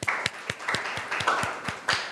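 A group of students in a class claps together for a classmate who answered a question about tides, in a steady, even rhythm, about nine or ten sharp claps over a couple of seconds, with a murmur of background noise underneath and no one talking.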